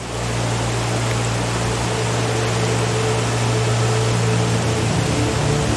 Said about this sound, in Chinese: 在周边的山谷中，大雨已持续数日，随着越来越多的雨水在山间汇集，往日平静的小溪变成了汹涌的洪流。洪水涌向贝拉河，导致河水暴涨。